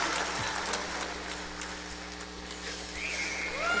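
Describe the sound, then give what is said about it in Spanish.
An audience at the Auditorio Nacional applauding a performer steadily, a dense, loud wash of many hands clapping throughout, with a few rising whistles cutting through near the end. “Y mira el aplauso que te están dando ahorita todos.”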